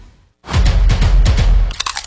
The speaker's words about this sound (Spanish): Así suena Crunch. La tortilla chip más crujiente.